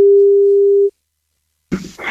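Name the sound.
telephone ringing tone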